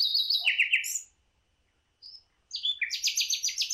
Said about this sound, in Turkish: O zaman sadece biz bülbül dememişiz bu kuşlara.